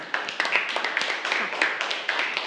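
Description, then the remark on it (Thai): A group of students bursts into steady, dense clapping for two student representatives, holding at an even, moderate level for a couple of seconds, many hands overlapping into a continuous patter with no voices. “ขอเสียงปรบมือให้กับตัวแทนทั้งสองด้วยค่ะ”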